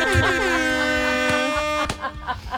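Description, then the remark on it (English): A loud, sustained air horn blast blares for about a second and a half, then cuts off with a sharp knock before a brief moment of someone talking. “A couple of air horns in there just to match their vibe.”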